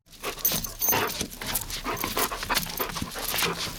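Garon, a black-and-brown Hovawart dog from the Bernese Oberland working as a Swiss search dog in the Venezuela earthquake area, pants with quick rhythmic breaths repeating steadily for a few seconds, with a faint metallic jingle in the background and no talking.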